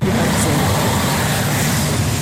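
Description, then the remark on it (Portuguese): Steady, loud low rumble of road traffic heard from inside a ride-hailing driver's car, a constant droning hum with no voices or distinct events over a couple of seconds. “Trânsito, hein”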